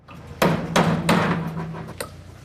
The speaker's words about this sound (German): Inlandredaktorin … hat eine Baustelle in Heimberg bei Thun besucht